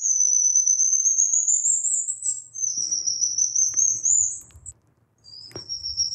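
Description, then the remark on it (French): Black lion tamarin, a monkey of Brazil, calling: long, thin, very high-pitched bird-like whistles, drawn out and gently rising, repeated about three times with brief gaps, plus a few faint rustles and a soft knock beneath. “C'est le tamarin lion noir probablement, hein, donc ouais, le tamarin lion noir, c'est un singe, quand on l'entend, hein, c'est pas du tout le son des singes que l'on connaît d'habitude.”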